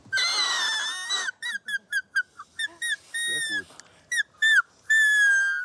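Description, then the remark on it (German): A grass-blade whistle, the blade held between thumb and forefinger with the other thumb beside it to form a gap to blow through, gives a long, shrill, reedy squeal, then about a dozen short chirping toots, some bending in pitch, and ends on another sustained screech. A voice briefly speaks. “Den Grashalm nimmt man zwischen Daumen und Zeigefinger, zieht den hier so rüber und hält den anderen Daumen hier so daneben.”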